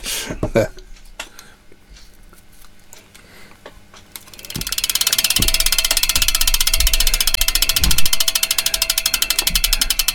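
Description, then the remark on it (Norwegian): A few scattered clicks, then a loud, rapid mechanical ticking starts partway through and runs steadily to the end, like a spinning ratchet wheel clattering. “Tror du han når hit før tikka lyden er over?”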